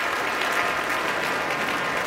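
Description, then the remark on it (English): Sustained, dense applause from a large audience at Tanglewood for the Boston Symphony Orchestra after La Mer, the musicians standing, July 12, 2025; steady and enthusiastic throughout with no voices standing out, a continuous wash of clapping hands. “Now all of the musicians of the Boston Symphony standing to receive a very enthusiastic applause as La Mer is one of those pieces you want to hear this orchestra perform.”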